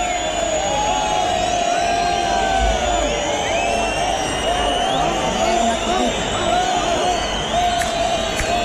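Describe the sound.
A large bullring crowd applauds and cheers as the young bull is dragged out after the request for an ear, a steady, dense roar that holds for the whole stretch, with sustained high whistling tones and scattered voices threaded through the noise.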